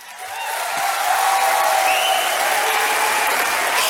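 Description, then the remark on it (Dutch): Steady applause from a sizable audience filling a hall at a 2023 poetry night, dense and sustained clapping that swells in the first second and holds at full strength, with faint crowd murmur and a few whistles mixed in. “Ik heb heel veel gedichten, niet te lang klappen.”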